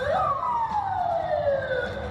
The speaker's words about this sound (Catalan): So de sirenes i cotxes policials arran de la deflagració a una zona molt concorreguda a prop del Parc Zoològic de Moscou.